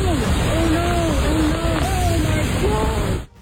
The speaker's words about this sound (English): Brief video clip there of essentially a waterfall in Zion National Park in Utah. Roads and popular trails closed throughout the park on Monday. Flooding caused by heavy downpours creating hazardous conditions.